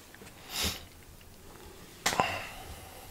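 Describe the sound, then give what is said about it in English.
Two airy breaths with no talking: a soft, hissy inhale swells and fades, then after a pause a sharper, louder exhale bursts out and trails off. “Do you like this sound, like breathing, etc., etc.?”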